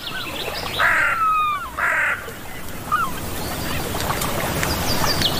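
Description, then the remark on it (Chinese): Two loud, harsh gull calls ring out back to back, followed by a few fainter squawks and chirps over a steady background hiss. “海鸥是捕食者，却并非总能占上风。”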